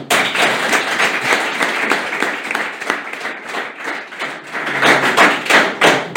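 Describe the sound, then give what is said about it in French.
An audience in Annecy, France, applauds steadily for about six seconds, a dense wash of many hands clapping that swells louder toward the end, with no voices over it. “En plus, je vais vous dire, j'ai beaucoup de chance parce que j'ai un public très spontané, très sympathique, qui est prêt à m'applaudir.”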